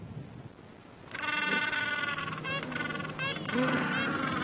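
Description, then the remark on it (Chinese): Gentoo penguins call in loud, honking brays that begin after a quiet first second, then keep going in overlapping, wavering bursts, with a low background murmur underneath, as penguins back from feeding at sea spend a long time calling to find their mates among over 300 penguins on a plain. “他们需要花很长的时间叫唤和寻找。”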